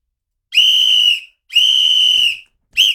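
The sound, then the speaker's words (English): Loud, piercing whistling by a person, without a whistle, in steady, level-pitched blasts: two long ones under a second each with short gaps between, then a third starting at the end. Clear, with no talking. “I don't have a whistle. Yeah. I have to whistle.”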